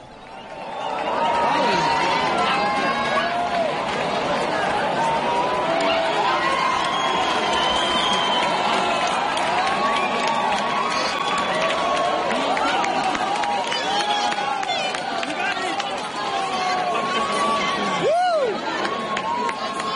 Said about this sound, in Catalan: Al moment de la totalitat, els centenars de persones aplegades a les Madrigueres esclataven amb xiulets i aplaudiments.